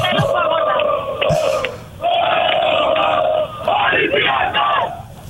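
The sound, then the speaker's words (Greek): A festive crowd at Pasalimani harbour in Piraeus, Greece, sings together loudly around cafés with TV screens ahead of an Olympiacos match, many voices blending in sustained, wavering chant-like phrases with shouts mixed in, steady and continuous for the whole stretch. “Ατμόσφαιρα γιορτής από τώρα στο Πασαλιμάνι, στον Πειραιά.”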